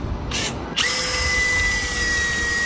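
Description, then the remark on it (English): A power drill whirs in two short bursts, then runs continuously with a steady high-pitched whine and a gritty grinding as it drills into vegetables, making a hole in a cabbage. It is loud, and there is no talking. “you have been listening to young Harry using a drill on his vegetables”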